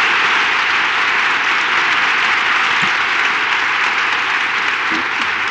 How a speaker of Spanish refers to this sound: Y ahora, espera, que acabe nuestro aplauso y hablamos.